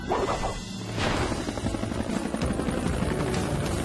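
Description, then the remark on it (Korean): Skye's helicopter flies through the night sky over the sea to rescue Marshall, its rotor thumping in a steady rapid chop over a loud continuous engine roar, with a brief whooshing swell near the start. “헬리콥터로 데려다 줄래?”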